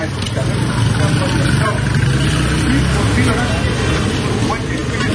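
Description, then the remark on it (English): Dense, loud traffic on a street in Lagos, Nigeria, with engines rumbling and idling, while a crowd of voices chatters continuously underneath, forming a steady wall of busy city noise; the street sounds include traffic, people and music. “Ah, the sounds of the street in Lagos, Nigeria. Traffic, people, music, a crush of humanity you won't find anywhere else.”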